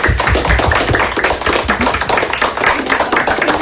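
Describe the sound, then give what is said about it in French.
A group of students at the collège in Bouloir applauds themselves, dense overlapping claps forming a steady, loud wash of sound that holds evenly for a few seconds with no voices. “Bon, je pense que les élèves, vous pouvez vous applaudir.”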